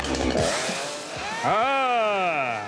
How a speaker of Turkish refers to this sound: Evet. Çalışan bir testeremiz ve neredeyse tamamlanmış bir ayımız var dostum. Mükemmel.